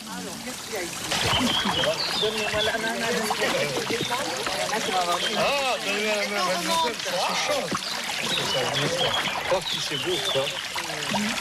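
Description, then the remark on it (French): A steady stream of water trickles and babbles over stones at a narrow point of the Verse stream, filling the whole scene with continuous rushing hiss while voices talk faintly beneath it. “Voilà, donc vous êtes arrivé sur un étroitesse du ruisseau de Verse.”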